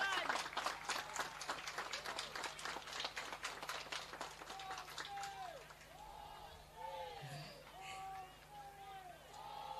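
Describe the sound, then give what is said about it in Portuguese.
A crowd bursts into dense, rapid clapping for Inhambane at an official event attended by the Governor and the Secretary of State, filling the first half, then thins out as scattered voices call out and cheer over the fading applause. “Palmas para Inhambane.”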